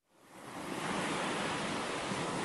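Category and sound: nature, ocean waves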